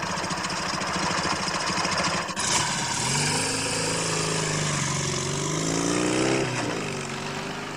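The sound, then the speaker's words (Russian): Engines of a car and a motorcycle being driven, the car turning right at a fork toward a white rock, run loudly and steadily, one motor revving with a rising then falling pitch around the middle before settling back to a drone. No voices. “Казадоев с Семен Семеновичем едут на мотоцикле.”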